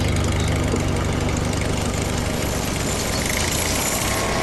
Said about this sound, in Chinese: 水牛、拖拉机正在犁地，这是为插秧做准备。